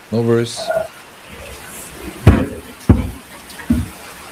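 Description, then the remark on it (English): A keyboard is shifted around to keep it away from dripping rainwater, making three dull knocks and clunks spaced about a second apart, after a brief voice at the start. “I've got to move my keyboard because it's continuing to rain and I don't want water dripping on electronics.”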